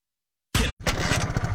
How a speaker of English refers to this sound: I think the engine's stalling out on me. Yeah, that don't sound right. Dang, got a lot more miles to go.